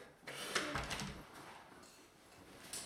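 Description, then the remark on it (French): A door swings shut with a soft scrape and a low thud, followed by quiet with faint rustling and a small click near the end. “Je peux fermer la porte?”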